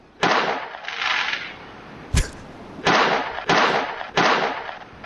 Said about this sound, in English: Well, I mean, you can probably figure out what it is. Sounds like fireworks.